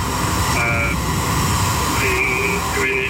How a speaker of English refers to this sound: Now we are photographing the drone and then surrounding the area for a report. Two drones right side of the road.